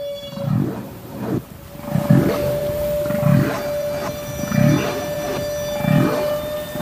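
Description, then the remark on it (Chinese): A humpback whale's loud, repeating call underwater, following the end of its bubble-blowing sounds: deep, swelling moans pulse about once a second in a steady cycle over a faint constant hum, with no voices present. “吐气泡声结束之后，总是会伴随一阵具有循环感的响亮叫声。”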